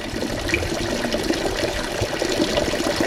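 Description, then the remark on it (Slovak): Water from a healing spring with fine-tasting water at Spa Afrodite runs in a steady, continuous stream, splashing and gurgling at an even volume, with no voices. “Mňa ale pri vstupe do Spa Afrodite ako prvý zaujal liečivý prameň s vynikajúcou chuťou vody.”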